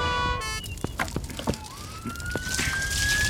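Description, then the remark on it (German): A fire engine carrying firefighters drives by, its siren wailing loudly and rising in pitch, with engine rumble and clanking noises underneath and no voices. “Die Feuerwehrleute kommen an James und Sarah vorbei, die immer noch auf Dustys Fersen sind.”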